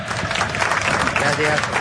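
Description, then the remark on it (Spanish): A burst of applause, a dense, steady patter of many hands clapping together, holding at an even loudness throughout without any clear pauses. “Así un aplauso para Juan Carlos.”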